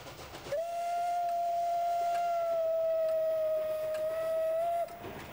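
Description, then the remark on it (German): The whistle of a steam locomotive built in 1937 for branch lines, running on a museum railway, sounds one long, steady blast of about four seconds, loud and even in pitch with a faint upper harmonic, then cuts off, leaving a soft background hiss. “Die für solche Nebenbahnen konzipierte Lok wurde 1937 von der Maschinenfabrik gebaut und zeigt, welche Kraft nötig ist, die Steigung der Museumsstrecke zu bewältigen.”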